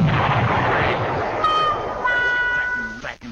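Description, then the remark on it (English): Consumer fireworks going off: a loud, dense rumble of blasts and crackling, then shrill whistling tones that stream over the noise before a final sharp pop. “Consumer fireworks are very dangerous.”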